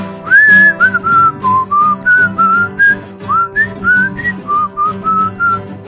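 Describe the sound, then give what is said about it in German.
A person whistles the tune of the song 'Froh zu sein' in a steady series of clear, sliding notes, phrased in short bursts over a backing of sustained low instrumental chords. “Ich pfeife.”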